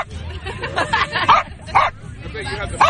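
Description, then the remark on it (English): Crumpet, a small corgi who won the corgi races at the Corgi Beach Takeover in Seaside, barks and yips in a quick irregular series of sharp, high bursts, loud, over a steady background of crowd chatter and murmuring voices. “You know, not every radio program gives you an interview straight from the dog.”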